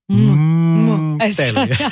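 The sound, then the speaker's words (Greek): A single long, low cow moo, loud, holds steady for about a second before a voice begins talking right after it. “Ποιο ζώο ολοκληρώνει την ακολουθία? Η Αγελάδα. Τι κάνει η Αγελάδα”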